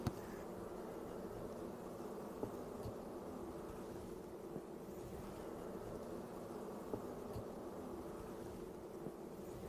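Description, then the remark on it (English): A dense, steady drone of many honey bees, treated for mites, buzzing around an open hive, a continuous humming swarm with faint scattered clicks and no voices. “So another thing we're going to do, these bees have been treated for mites.”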